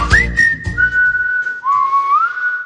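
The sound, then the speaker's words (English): Someone whistles long, sustained notes that echo in an empty, decluttered house: a tone rises and holds steady, then drops to a lower note that slides back up near the end. “Listen to that echo. We finally decluttered.”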